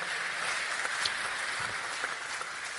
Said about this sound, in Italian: Comunque un applauso glielo facciamo comunque.